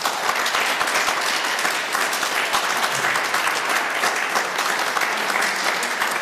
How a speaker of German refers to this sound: Vielen Dank und einen herzlichen Applaus.